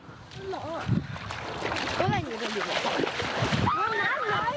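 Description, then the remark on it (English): Steady washing and splashing of cool ocean water fills the scene as children wade into the sea. Several people call out and talk excitedly, their voices rising over the continuous churn of waves around them. “Eventually, he stepped into the cool ocean water along with the others.”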